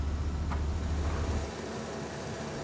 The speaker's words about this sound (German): Bauleiter Kenny Iwanski muss sich mit allem rumschlagen. Baulärm, Straßenlärm und mit den Launen der Autofahrer.